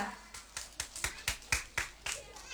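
Applause for two performers who recited a poem about Indonesia, in a steady rhythm: about ten sharp, evenly spaced claps, moderately loud and crisp, with no talking over them.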